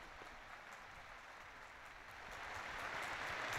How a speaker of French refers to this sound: Et nous entendons les applaudissements nourris.